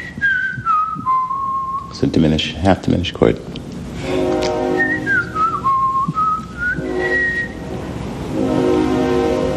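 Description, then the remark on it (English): The whistle of a freight train on the railroad tracks behind a house sounds a falling, tune-like call twice, clear, while people talk and a steady low chord-like hum runs underneath. “And then Ravi Coltrane interrupted to point out the whistle of a freight train drifting up from the railroad tracks that run behind the house.”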